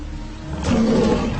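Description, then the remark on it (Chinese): A Sumatran tiger in the rainforest lets out a loud roar that swells in partway through and holds as a deep, rough growl for nearly a second, with no voices present. “在所有老虎中，苏门答腊虎极具攻击性，而且攻击力极强。”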